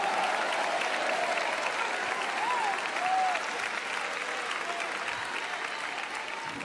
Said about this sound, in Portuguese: Os crentes vieram hoje? Então aplaudam mais ao Senhor!